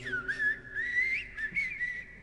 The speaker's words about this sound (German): Und dann erwacht die erste Amsel.